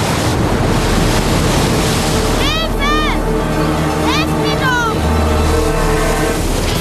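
Steady, loud roar of ocean surf with crashing waves filling the whole stretch, while a few brief high-pitched cries rise and fall over it midway through.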